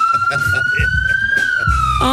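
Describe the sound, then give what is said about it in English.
An ambulance siren wails loudly and steadily, its pitch gliding slowly upward before dipping at the end, while voices talk underneath it. “travelling with the amazing patient ambulance staff on my way over to Ashford to have an operation done.”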